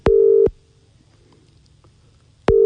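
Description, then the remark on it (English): An outgoing phone call's ringing tone, calling a man to see whether he is awake: a steady electronic purr sounds briefly, falls silent for about two seconds, then starts again. It is clear and fairly loud, with no one talking. “What about, I don't know, who should we call? Let's just see if this bloke's awake. He's probably not going to answer his phone, but it'd be good if he did.”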